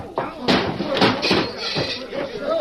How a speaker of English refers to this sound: I'll knock your teeth down your throat. One for the stomach. One for the chin.